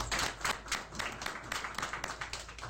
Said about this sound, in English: Can I introduce to you here on my right-hand side, Major General Sabola. Can you just stand up, they can all see you. Can you clap for her?